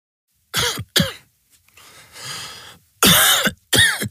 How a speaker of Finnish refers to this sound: Hei, älä suotta köhi.